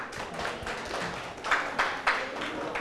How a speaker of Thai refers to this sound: ปรบมือให้ทุกกลุ่มเลย